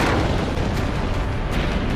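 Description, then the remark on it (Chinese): A deep, continuous roar from China's first atomic bomb explosion, with a red mushroom cloud rising over Lop Nur on 16 October 1964, a heavy low rumble with crackling noise that stays loud and steady throughout, with no voices. “1964年10月16号，罗布泊上空升起了一朵火红的蘑菇云，中国第一颗原子弹爆炸成功。”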